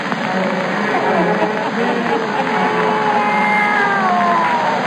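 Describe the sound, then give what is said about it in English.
A black cat meows in a long, drawn-out, wavering wail that slides downward in pitch, fairly loud over a dense, steady background murmur. “us join old Nancy and Satan, her wide black cat”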